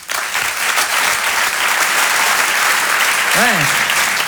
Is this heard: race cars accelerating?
no